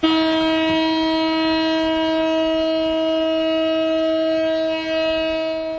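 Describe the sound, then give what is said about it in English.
A one-minute memorial siren in Tel Aviv, marking the third anniversary of the October 7th attacks on Israel, holds one loud, steady, unwavering tone with a buzzing, harmonic-rich quality, sounding alone without any voices for the whole stretch. “In Tel Aviv, a one-minute siren sounded to mark the somber anniversary.”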